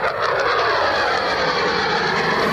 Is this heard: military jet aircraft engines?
yes